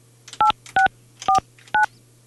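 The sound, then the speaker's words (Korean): Four short telephone keypad tones beep in quick succession, each a clean two-pitch dial tone, with a low steady hum underneath and no one speaking, as a Far East Broadcasting radio host dials a listener's phone during a live show. “이분은 한번 전화 연결 한번 해볼게요.”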